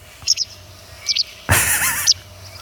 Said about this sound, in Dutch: Zullen we even het geluid erbij van de kwikstaart?